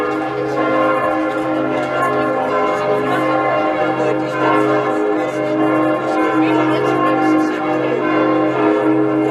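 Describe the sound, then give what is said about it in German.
The carillon of St. Jakobi church of Hettstedt, hanging in the cathedral, in the Mansfeld-Südharz district, rings out continuously, many bells overlapping in a dense, resonant melody with long sustained tones, loud and steady throughout. “Seit fast 2 Jahren hängt das Glockenspiel der Hettstädter St. Jakobikirche wieder komplett im Dom und zählt mit seinem Klang zu den schönsten im Landkreis Mansfeld-Südharz.”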